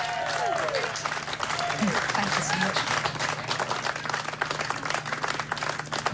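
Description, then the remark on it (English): An audience applauds the brass section of the RTE Concert Orchestra, with principal guest conductor Stephen Bell, in a steady, dense, continuous wash of clapping hands that holds at an even loudness throughout, with faint whoops and cheers rising through it. “ladies and gentlemen, with illustrious principal guest maestro Stephen Bell. Let's hear it for the brass of the RTE Concert Orchestra.”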